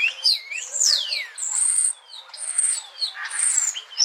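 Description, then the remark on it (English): A European starling chatters and whistles, mixing sliding whistles, high squeaky notes and buzzy phrases in a varied, continuous run that mimics other birds. “Here's one cool thing about starlings. They have the ability to mimic other birds and sometimes even humans.”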